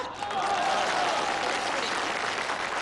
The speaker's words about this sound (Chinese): 因为我发现男同胞的掌声啊热烈。